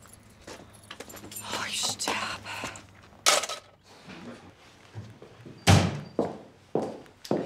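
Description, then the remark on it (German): Keys jangle and rustle before the door of a home, which does not close by itself, is pushed shut with a solid, low thud, followed by a couple of sharper knocks and clicks, with soft voices murmuring faintly underneath. “Die geht nicht von allein zu.”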